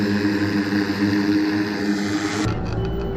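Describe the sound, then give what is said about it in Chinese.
A Russian helicopter's loud, steady rotor and engine roar fills the scene continuously as it carries out an air strike to build a fire barrier line during a live counter-terrorism drill; its brighter high end abruptly cuts away near the end, leaving a lower drone. “俄方出动直升机进行空中打击，构建火力拦阻线，将境内恐怖分子彻底分割孤立。”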